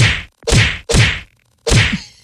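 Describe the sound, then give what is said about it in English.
Four sharp, loud slaps land in an uneven rhythm during a slap fight between two women getting ready to disembark a Carnival cruise ship, each a crisp smack on skin with a brief gap between, with a fifth hit cut off at the very end. “Two women getting ready to disembark the carnival spirit got into an argument that turned into a slap fight. And, you know, it almost goes without saying, our microphones were there.”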